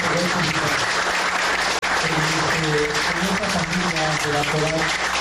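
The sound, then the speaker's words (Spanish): An audience applauds steadily for about five seconds in memory of the late producer Pope, a dense, loud wash of clapping with a few voices calling out underneath. “La verdad, quiero dedicarle un aplauso de parte de todos nosotros.”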